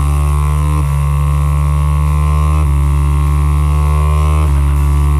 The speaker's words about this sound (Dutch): Ja, het klinkt iets als een motortje of zo, maar... Ja, dat zit er wel in. Er zit een motortje in.